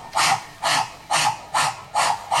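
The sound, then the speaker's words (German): A voice imitates a spinning propeller with six breathy, hissing bursts in a steady rhythm, about two per second, each fairly loud and fading out before the next. “Und der Propeller macht.”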